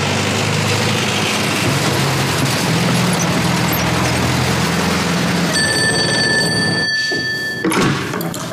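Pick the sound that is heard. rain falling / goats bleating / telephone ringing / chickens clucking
telephone ringing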